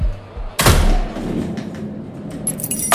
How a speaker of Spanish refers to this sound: que están sonando ahora los primeros cohetes en este último día de fiesta mayor aquí en Sahel.